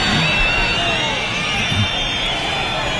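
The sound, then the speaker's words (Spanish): A large crowd in Jaén boos minister Fernando Grande Marlaska loudly and without pause at his first event with the Guardia Civil, a dense, sustained roar of many voices that holds steady for the whole stretch with no single speaker standing out. “Abucheos al ministro Fernando Grande Marlaska en Jaén.”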